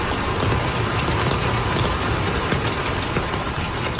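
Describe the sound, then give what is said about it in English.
A steady, loud roar of rushing floodwater from swollen rivers that have topped their banks after monsoon rains in Bangladesh fills the scene without pause or change. No voices are heard. “Swollen rivers have topped their banks, flooding large areas.”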